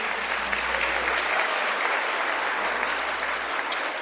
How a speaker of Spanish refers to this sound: Y hoy especialmente quiero agradecer a la empresa, el emprendimiento Humitas La Floresta, quienes nos han donado todas las humitas que hoy hemos vendido, así que regalémosles un fuerte aplauso a todos ellos.